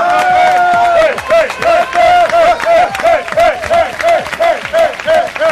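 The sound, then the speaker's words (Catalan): A studio audience on the radio show Què t'hi jugues applauds loudly and steadily for several seconds to welcome a surprise guest, a dense clatter of many hands, with a bright repeating tonal cry rising above the clapping in a quick rhythm. “Demano un fort aplaudiment.”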